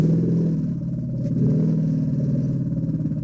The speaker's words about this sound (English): studying elephants at the Amboseli National Park in Kenya have found the low-frequency rumbles the animals create could help them communicate. Researchers used AI to decipher the elephants' sounds, like this one, which they used to greet each other.